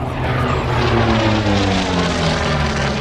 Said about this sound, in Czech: Tento matně černý letoun je posledním létajícím exemplářem, který byl nasazený v korejské válce. Bylo operačně nasazeno od roku 1950 a lítal u americké námořní pěchoty.